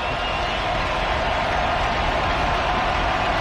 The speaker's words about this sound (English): Third and long. Crowd is making noise.